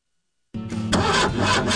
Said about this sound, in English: Is your vehicle starting slow? It might be your battery.